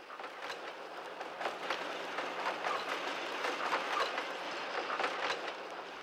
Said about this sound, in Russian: Каждый раз поезд проходит через станцию ночью.